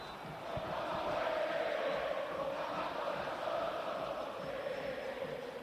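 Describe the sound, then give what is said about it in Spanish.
A huge crowd of River fans at the Monumental stadium chants a war cry in unison, a loud, steady roar of massed voices that swells in after a moment and holds without a break. “Esto es un grito de guerra, y es un grito de guerra ineludible, porque muchas veces se ha querido maquillar el reclamo de los hinchas de River.”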